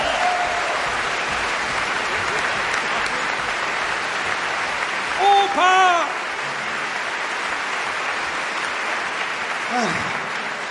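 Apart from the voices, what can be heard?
audience applause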